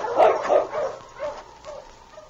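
A sled dog team barks in a quick, uneven string of yips and barks that fade slightly over a couple of seconds, with no voices, as the lead dog King directs the team over the back trail toward a cabin.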